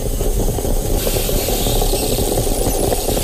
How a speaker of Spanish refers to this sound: Has cambiado el sonido de la cafetera. Ahora es una cafetera italiana. Esto se llama ASMR, ¿no? O algo así.